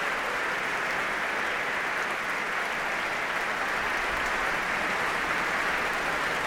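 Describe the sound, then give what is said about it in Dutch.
Sustained applause from a large concert hall audience for conductor Dima Slobodenjuk before the Concertgebouw Orchestra plays Stravinsky's Symphony in Three Movements, a steady dense wash of clapping hands that holds at an even level throughout with no voices standing out. “En daar klinkt het applaus voor Dima Slobodenjuk.”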